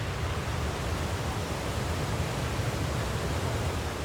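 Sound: waterfall rushing water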